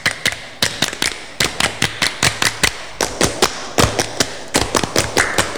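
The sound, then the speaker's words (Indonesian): Children from SDN Kresek 01 in the RRI studio do the Pramuka scout clap twice, clapping together in a fast, patterned rhythm, bursts of sharp, crisp hand claps repeating in sets for several seconds, with no one speaking. “Dua kali tepuk pramuka.”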